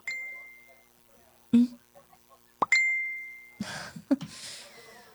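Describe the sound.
A Messenger notification ding on a cellphone rings out twice, each a bright, clear chime that lingers and fades, with a few soft clicks between and brief voices or rustling toward the end.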